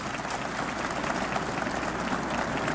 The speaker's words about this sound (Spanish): Ahora sí, dele un fuerte aplauso a esa palabra.